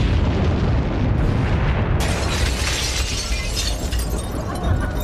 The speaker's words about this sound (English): Two massive truck bombs detonated almost simultaneously outside the U.S. embassies in Nairobi, Kenya, and Dar es Salaam, Tanzania.